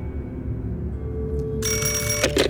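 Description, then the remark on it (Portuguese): A steady low hum, then a loud, bright, metallic telephone ring bursts in about two-thirds of the way through and continues to the end with no voices. The call is placed from the Swiss embassy in Havana to a house on Rua de Moçambique in Lisbon. “Pega no telefone que usa na embaixada da Suíça em Havana e liga diretamente para a casa dos sogros, na rua de Moçambique, em Lisboa.”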